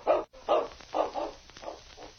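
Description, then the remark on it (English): A large dog, King, whines in a run of five or six short, mid-pitched cries, evenly spaced about half a second apart, fairly loud with no talking over them, as two men undress his unconscious master, Sergeant Preston, before a fire. “The great dog whined helplessly.”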